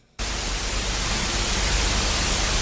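Loud, steady radio static bursts in after a brief moment of quiet and hisses on continuously with a broad, rushing texture and a low hum underneath, with no voices.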